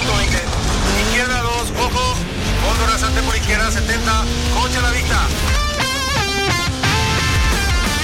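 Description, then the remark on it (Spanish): Loud rally car engines rev and roar, pitch sweeping up and down in bursts, with squealing tires and a busy, continuous mechanical din throughout. “Los motores, se calienta la parrilla, porque cuando llega el rally también llega la aventura.”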